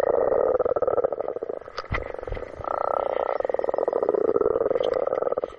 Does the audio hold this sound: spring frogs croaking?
yes